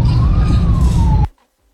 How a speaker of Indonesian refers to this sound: Ini Mulyorejo nih, dan chaos banget. Di belakang ada ambulan juga. Sampai nggak bisa lewat ya ambulannya ya.